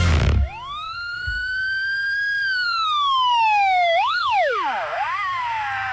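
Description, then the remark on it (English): An emergency vehicle siren wails loudly, rising into a long sustained tone, then swooping down and up in quick yelping sweeps after a brief burst of noise at the start. “Whoa, yeah, you know, the siren's really going that's off.”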